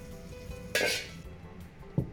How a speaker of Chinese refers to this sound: 铺好的猪大肠改滚刀块，另起锅倒入菜籽油、皱皮椒和大肠，同时倒入锅中翻炒。我们在家中准备这些调料，再按屏幕上方的佐料调味，最后改旺火快速翻炒，这样锅气味更足，味道更香。